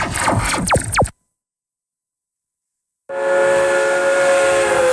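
A steam train whistle sounds loudly in two blasts split by a pause of silence: a short, sliding first burst, then a long, steady shriek with hissing steam beneath it.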